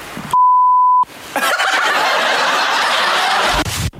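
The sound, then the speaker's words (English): A single steady censor bleep on Barry FM radio's 'what the beep did they say' quiz, a pure tone lasting under a second, cuts in loudly, then gives way to a burst of snickering laughter. “had a crack at what the beep did they say”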